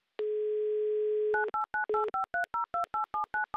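A steady telephone dial tone hums for about a second, then gives way to a quick, even run of roughly a dozen touch-tone keypad beeps as the radio station Humor FM dials a number in Moscow; no voices.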